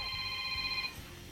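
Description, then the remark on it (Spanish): A telephone rings as a listener calls in to a radio station, a steady electronic trill of stacked tones lasting under a second before cutting off, clear with no talking over it. “Hay que contestar aquí”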